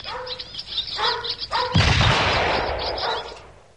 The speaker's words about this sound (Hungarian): Majd távol tartom, és közben lövöldözöm a seregélyeket.